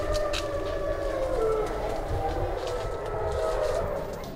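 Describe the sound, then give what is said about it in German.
A pack of wolves in an enclosure at night howl together, their long, wavering tones overlapping and sliding in pitch, steady over a low background rumble, with no talking. “Und so werden sie Augen- und Ohrenzeugen mehrerer Heularien.”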